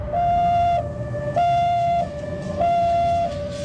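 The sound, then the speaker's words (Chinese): An ambulance siren wails in a steady two-tone hi-lo pattern, alternating high and low pitches about three times, loud, with no voices, as the ambulance rushes Japanese intelligence chief Nakamura Yu to hospital. “几分钟以后，日本侵华大本营特务机关最高长官中村雄被急速开来的救护车拉向医院。”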